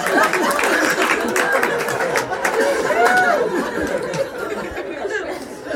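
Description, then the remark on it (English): An audience of adults claps steadily for several seconds, the dense patter of hands mixed with laughter and crowd chatter, staying fairly loud throughout before easing slightly near the end. “I just made adults clap at the thought of dumb kids dying.”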